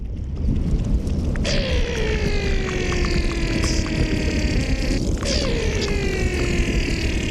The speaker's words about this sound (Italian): Perché ci sono suoni che sono nascosti nel ghiaccio, che si possono ascoltare con idrofoni, che sono microfoni acquatiche.